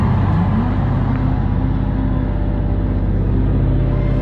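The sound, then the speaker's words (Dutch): A low, rumbling piano builds tension at a pop concert before an announcement, with dense, sustained bass tones that throb steadily and loudly for about four seconds, almost like an engine drone, with no voices. “Het is een piano die een beetje de spanning opbouwt.”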